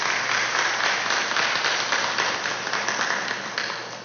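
Steady applause from a church audience at Mass honoring the fathers on Father's Day, a dense wash of many hands clapping at once, loud and continuous for several seconds before easing off slightly at the end.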